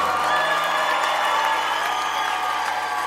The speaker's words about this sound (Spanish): Denle más fuerte ese aplauso.